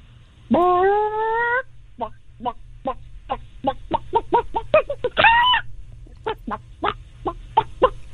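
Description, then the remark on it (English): A person imitates a chicken with drawn-out squawks followed by a quick string of short, rhythmic clucks, then another squawk and more clucking, loud with no talking. “The fact that you can so easily transform from human to chicken is pretty clucked.”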